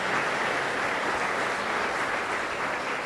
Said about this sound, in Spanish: Amén. Que sí o que no, le damos un fuerte aplauso al Rey de Reyes, Señor de Señores.